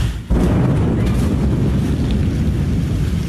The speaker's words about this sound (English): We heard a big boom as we're looking out where Blue Origin was set up today.